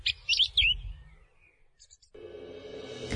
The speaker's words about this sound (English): Manukai Huarākau, The Song Thrush, RNZ National.